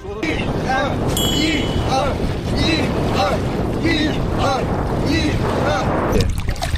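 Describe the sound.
A boat being rowed with oars at sea by military recruits in boat-handling training, rhythmic strokes about every second over steady wind and water noise, while several voices chant a steady "one, two" cadence in time with the rowing.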